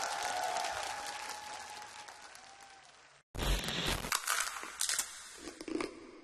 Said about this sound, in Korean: 감사합니다. 박수 올렸습니다.